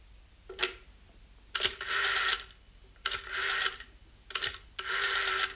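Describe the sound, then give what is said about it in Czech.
A telephone being dialed: three rounds of a short click followed by a buzzing, ratcheting whir as the dial spins back, with brief pauses between, and no voices. “Telefon už bude fungovat.”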